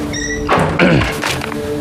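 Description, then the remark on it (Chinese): A door opens with a soft thunk followed by a brief scraping sweep as someone enters without knocking, heard alone over a quiet hum with no one speaking. “怎么进来也不敲门也没规矩。”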